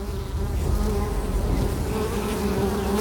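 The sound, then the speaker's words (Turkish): A dense, steady buzzing of many bees agitated as their hive deep inside a tree is opened to reach the honey, loud and continuous, with a humming drone that wavers slightly in pitch throughout and no voices. “Ve ne kadar uzun sürerse arıları daha çok kızdırıp bir oğul oluşmasına neden olma ihtimalimiz artıyor.”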